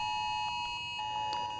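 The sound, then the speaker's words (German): A mobile phone emergency alert sounds at 11 a.m. during a nationwide warning day test in Germany. It is a steady, piercing electronic tone with short bleeps layered over it, fairly loud, with no one speaking. “Sirenen gingen los, Handys fiepsten, Infotafeln leuchteten.”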